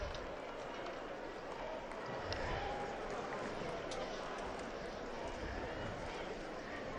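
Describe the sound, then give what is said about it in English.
A large crowd in the square at Castel Gandolfo cheers and chants 'Viva il Papa' acclamations as the Pope greets pilgrims, a dense, steady wash of many voices that holds at an even, moderate loudness throughout, with occasional brief whistles rising above it. “And we hear the Viva il Papa acclamations rising from the crowds.”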